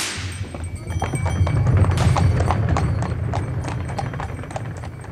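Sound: horse hooves clip-clopping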